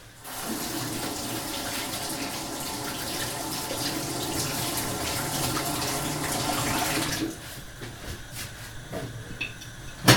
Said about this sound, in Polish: Ten akurat jest gotowy, więc mogę go sobie opłukać.